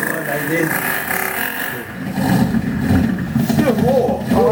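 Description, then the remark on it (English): A malfunctioning helicopter engine drones and rattles unevenly, its rough mechanical hum wavering in pitch and swelling louder midway, with a warbling, sputtering tone near the end. “Oh, that don't sound too good. The helicopter is not working.”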